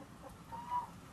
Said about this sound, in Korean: 이 살쾡이 한 마리가 들어가면. 닭들이 물려서 죽는 경우 있지만 닭들이 놀래서 자기들끼리 막 물려다니면서 자기들끼리 부딪히고 자기들끼리 깔아뭉기고 한쪽으로 몰리다 보니까 그래서 죽는 닭들이 엄청 많아.